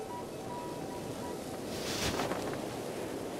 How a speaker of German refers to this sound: Warum brauchen wir das? Weil es so windig ist?